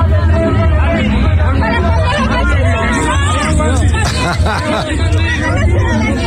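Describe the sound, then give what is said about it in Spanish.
A crowd shouts at Andrea Chávez, Morena's candidate for governor, in a loud, dense mass of overlapping voices, sustained without pause for several seconds, with rising and falling yells over a steady low rumble. “candidata de Morena a la gubernatura, Andrea Chávez, y les gritaban, esto.”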